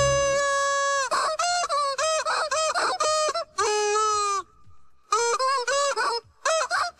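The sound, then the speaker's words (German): A song melody rendered entirely in squawky chicken clucks and bawks, loud, moving through phrases with short pauses between them and no speech, played as a guess-the-song puzzle. “am musikalischen Mittwoch mit einem neuen verrückten Huhn. Wir hören mal gerade rein. Welches Lied suchen wir hier?”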